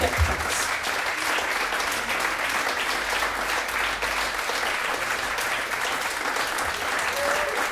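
Sustained applause from a crowd, a dense, steady wash of clapping that holds at an even, fairly loud level for the whole stretch without pausing or fading.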